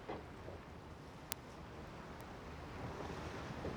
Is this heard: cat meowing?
no